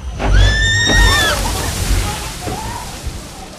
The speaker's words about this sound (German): Ein Highlight? Mitten auf der Strecke geht es mit einer recht ordentlichen Bugwelle ins Wasser.